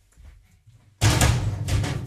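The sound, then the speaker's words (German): After a second of near silence with a low rumble, a door opens with a sudden loud clunk as a radio host steps outside to fetch a prize, then broad, noisy rustling and handling sounds continue, with no one speaking. “Ich muss ganz kurz mal eben vor die Tür.”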